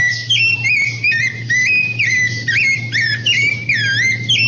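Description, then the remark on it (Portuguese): A rufous-bellied thrush sings a continuous series of clear, fluty whistled phrases, rising and falling in pitch with brief pauses, over a steady low hum. “Deixa ele cantar um pouquinho mais, ó.”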